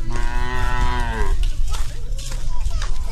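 A water buffalo being led home from the fields by an old woman on Hainan, a tropical island in southern China, lets out one long, deep, droning low lasting just over a second, then gives way to a steady wash of outdoor noise with scattered soft clatter.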